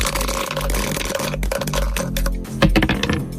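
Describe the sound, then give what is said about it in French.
Two dice are rolled for a board game, landing on a 6 and a 3: they rattle and clatter in a quick, dense burst of hard little clicks, fairly loud, over a steady low musical hum with no one talking. “Dès que vous me dites top, on lance les dés pour lancer cette nouvelle et dernière partie de la semaine”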